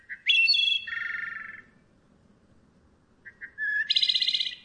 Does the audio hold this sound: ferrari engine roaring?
no